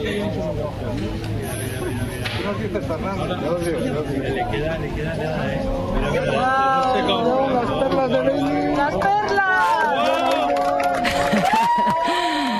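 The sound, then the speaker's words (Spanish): A crowd at the Yebes Observatory cheers and whoops with excited overlapping voices as the totality of an eclipse ends, swelling louder about halfway through, with scattered clapping mixed into the steady roar. “Así hemos despedido la totalidad en el Observatorio de Yeves entre aplausos, lágrimas y abrazos.”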